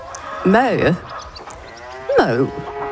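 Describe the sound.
A person imitates a cow's moo twice, two short, wavering lowing calls separated by a brief pause, with faint background noise in between.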